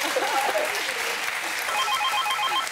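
Steady studio audience applause on a radio call-in show, with dense clapping throughout, joined in the second half by a repeating electronic telephone-style ringing tone pulsing over the clapping.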